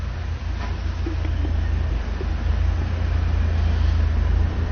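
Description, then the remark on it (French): A butcher's vehicle starts up in a street and rumbles loudly close by, reversing, turning just in front, reversing again and driving off along boulevard Saint-Germain; a steady low drone that swells slightly as it moves, with faint traffic hum behind and no talking. “Le boucher de la boucherie Nivernaise démarre.”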